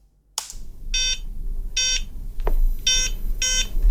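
Four short, buzzy electronic beeps from a payment terminal's PIN pad as keys are pressed, irregularly spaced, with a soft click between them over a low steady hum.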